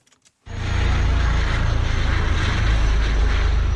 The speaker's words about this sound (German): Über eine Gebirgskette fliegt ein Helikopter. An ihm hängen, gesichert an einem Drahtseil, zwei Menschen und schweben über die Landschaft.